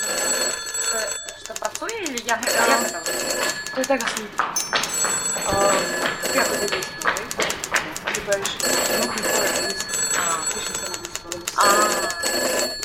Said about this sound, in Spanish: Entre todos, ¿podéis escoger los malditos teléfonos?